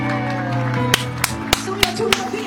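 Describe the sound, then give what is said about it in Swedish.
Studio applause welcoming the next performing artist, in the form of five sharp, evenly spaced claps in a steady rhythm, ringing out loudly over a sustained humming, tonal background. “Ja, applåd från studion, härligt.”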